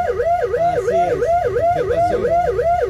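A loud wailing alarm sweeps rapidly up and down in pitch, repeating in a steady rhythm of quick rising and falling cycles, with a low rumble underneath and no talking.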